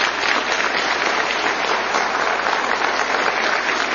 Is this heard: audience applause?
yes